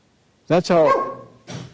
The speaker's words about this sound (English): That was a barking dog you heard. He liked that verse. He is one of his favorites.